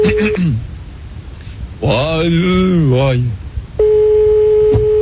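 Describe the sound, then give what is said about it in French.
Telephone line tones as a call is placed to a prison: a short steady beep, then a wavering voice-like passage, then a long steady ringing tone with a faint click near the end, fairly loud. “Attention, premier numéro de téléphone, c'est parti.”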